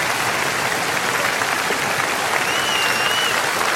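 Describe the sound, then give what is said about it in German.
Sustained audience applause fills the whole stretch as a man makes his way down, a dense, steady clatter of many hands clapping, with a faint whistle rising briefly near the end. “Jetzt müssen Sie so lange klatschen, bis er runter ist.”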